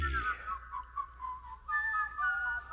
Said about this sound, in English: Will you stop the whistling? Stop it, driving me nuts.